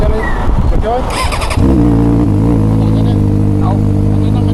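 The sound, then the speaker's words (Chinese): An ordinary two-wheeled motorcycle, its exhaust pipe and muffler casing cut and drilled so the muffler no longer works, roars past with a loud, harsh exhaust on a road in Qinzhou, Guangxi, China, in the morning, settling into a steady, throaty drone after a brief jumble of street noise and muffled voices. “上午，民警在辖区开展常态化路面巡查防控工作时，一辆普通二轮摩托车呼啸驶过，刺耳的排气轰鸣声引起执勤民警的注意。”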